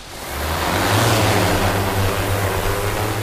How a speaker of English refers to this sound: Eileen Ernenwein watches a drone lift off from a bright orange landing pad.